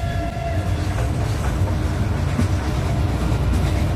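A train carriage rattles steadily along the tracks, a constant low rumble with faint clattering and metallic squeals, heard from inside and loud throughout.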